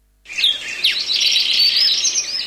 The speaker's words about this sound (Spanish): Golondrina.